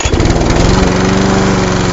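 A loud small engine roars steadily, a souped-up racing lawnmower of the Triple Town Crown of Saskatchewan lawnmower races in the RM of King George, north of Beachy, Saskatchewan, revving with a rough, buzzing drone and dense harmonic rattle that holds constant throughout.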